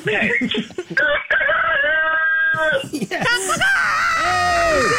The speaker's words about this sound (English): Wow, that worked. You got a great rooster there. I love it. Oh, he's a great rooster.